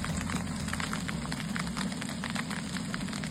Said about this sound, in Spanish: Lo que escuchan es el sonido del granizo del tamaño de pelotas de golf que ayer por la tarde cayó en Casas Bajas.